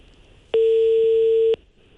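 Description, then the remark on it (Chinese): A single steady electronic telephone tone sounds for about a second, loud and clear against a quiet background, like the ring signal heard while waiting for a call to connect, while phoning a store manager. “我们看看今天这个电话还能打通吗？”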